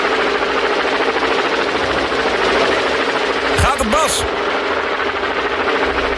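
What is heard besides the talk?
helicopter rotor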